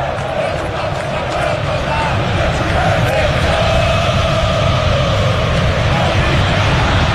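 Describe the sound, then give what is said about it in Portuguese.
A huge stadium crowd of Corinthians football supporters chants in unison at Itaquera, dissatisfied after their team's elimination from the Copa do Brasil by Internacional, a loud, continuous roar of massed voices with sustained sung tones rising above the dense background din. “Grita a torcida do Corinthians em Itaquera, é claro, insatisfeita com a campanha da equipe, eliminada depois de duas qualificatórias, cai para o Internacional no placar agregado de 3-2.”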